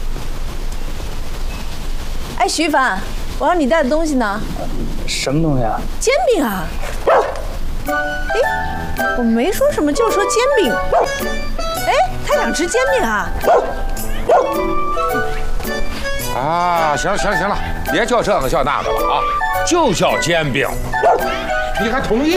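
A puppy yips and barks over and over in quick, high-pitched bursts with a few whimpering cries mixed in, continuing steadily for about twenty seconds.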